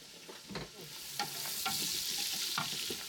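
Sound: onion sautéing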